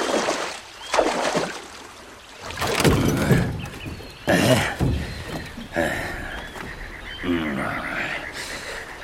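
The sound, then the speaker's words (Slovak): Wooden oars creak and splash in water as a small wooden rowboat is rowed across to the other bank, with repeated strokes and knocks, some bubbly churning, and brief voice-like sounds mixed in. “Poriadne zaber, nech sme čím skôr za vodou.”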